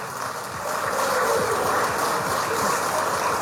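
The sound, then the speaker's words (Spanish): A crowd applauds steadily to welcome a speaker at an event of a peasant federation in Bolivia, a dense wash of many hands clapping at once that swells slightly after the start and holds at a fairly loud, even level throughout, with no voices. “Vamos a recibirlo con un fuerte voto de aplausos.”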